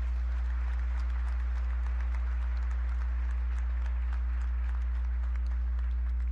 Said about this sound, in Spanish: Démosle un aplauso a Cristo que nos ha perdonado.